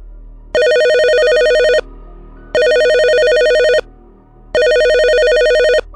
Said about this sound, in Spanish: volvió a sonar el teléfono. Contestó inmediatamente y escuchó nuevamente su propia voz.